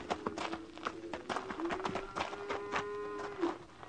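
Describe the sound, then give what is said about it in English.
A single horse's hooves clip-clop as it rides out, a quick, uneven rhythm of sharp thuds, steady throughout, with a sustained drawn-out tone running underneath. “Only one horse rode out.”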